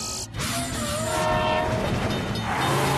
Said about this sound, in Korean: 에이, 내가 저 기차 지나갈 때까지 기다려야 해? 잠깐, 상관없지? 기차를 밀어버리고 그냥 지나서 가자.